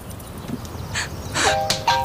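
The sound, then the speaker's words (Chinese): A telephone rings with steady electronic tones that start partway through and repeat toward the end, fairly clear over a low background hum, with no voices. “电话响了。”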